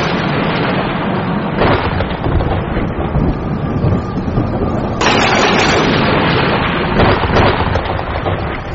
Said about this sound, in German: Nach dem Erdbeben kam ein Unwetter. Ganze Bündel von Blitzen fuhren hernieder. Der Donner grollte zwischen den Schluchten.